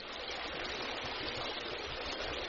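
The serene Teplice stream flows through a spa park, babbling steadily and continuously in an even wash of water with no breaks and no voices.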